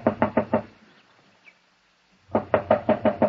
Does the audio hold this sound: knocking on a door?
yes